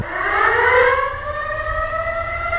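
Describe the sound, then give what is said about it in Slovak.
An air raid siren wails continuously, its layered, buzzing tone slowly climbing in pitch and holding steady and loud throughout, with no voices. “Moja drahá, včera bol vyhlásený letecký poplach.”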